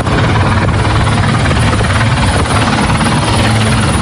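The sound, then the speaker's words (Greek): A helicopter taking part in a sea rescue operation for a ship roars steadily overhead, its rotor producing a loud, continuous low-frequency chop that stays constant throughout, with no voices present. “Η ακτοφυλακή ελικόπτερα και ιδιωτικά σκάφη προσεγγίζουν το σημείο προκειμένου να συνδράμουν την επιχείρηση διάσωσης.”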